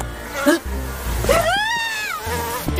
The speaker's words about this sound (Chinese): 跑，快跑！这些蚊子叮人又疼又痒。 这么多大蚊子，一直跑不是办法呀。